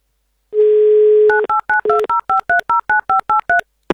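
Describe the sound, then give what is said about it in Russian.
A steady dial tone hums briefly, then a quick, even run of about a dozen beeping touch-tone digits is punched in, ending with a faint click, as Avtoradio hosts dial a listener's telephone number. No one speaks. “давайте-ка мы ему и наберем.”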